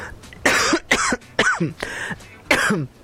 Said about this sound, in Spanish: Perdone usted, estoy con una tos.